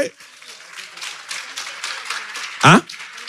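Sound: audience applauding loudly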